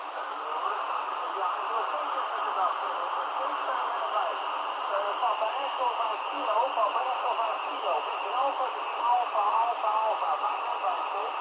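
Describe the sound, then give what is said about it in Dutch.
A faint, garbled voice comes through a narrow-band amateur radio channel, buried in steady hiss and static for the whole stretch, the speech too distorted to make out. “Ja, ik hoor wat, maar ik hoor dat het signaal is.”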